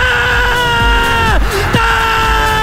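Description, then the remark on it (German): A sports commentator on ORF screams as the team equalizes to 3-3 against Algeria, a loud, drawn-out yell held on a steady pitch for nearly three seconds, wavering and briefly breaking partway through over faint background noise. “Eigentlich, aber die, hast du das mitbekommen, das Geschrei am Sonntagmorgen früher, wo die zum 3-3 ausgleichen gegen, darum wichtig, Algerien.”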